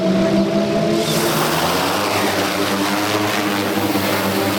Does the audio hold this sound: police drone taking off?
yes